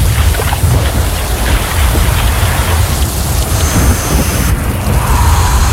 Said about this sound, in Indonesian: Eleh, hujan lagi. Mana gak bawa jas hujan?